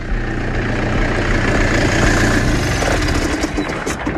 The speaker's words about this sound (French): Alors pour essayer d'en savoir un peu plus, je suis en train de monter dans la parcelle parce qu'il y a un tracteur qui travaille là, qui est en train d'arriver vers moi.